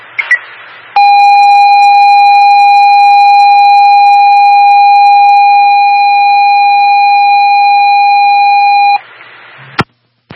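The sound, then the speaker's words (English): A loud, steady electronic alert tone from an Antonia fire dispatch pager retone holds unbroken for about eight seconds over the main radio channel, then cuts off, followed by a brief burst of static; it is for an activated fire alarm on Main Street. “Antonia Fire Dispatch with a retone on the main channel.”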